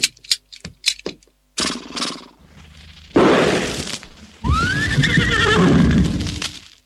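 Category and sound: animal, horse neighing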